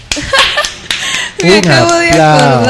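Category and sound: crowd, applause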